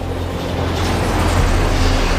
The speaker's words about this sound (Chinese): 南疆铁路啊，南北疆最繁忙的铁路，十几分钟就过一趟，主动脉相当于南疆的一个。